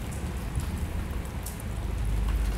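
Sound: rain falling outside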